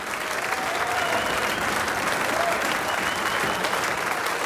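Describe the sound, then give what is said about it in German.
Loud, sustained audience applause, a dense wash of many hands clapping steadily for several seconds with a faint crowd murmur underneath and no pauses. “kräftigen Applaus unsere bezaubernden Losen gibt.”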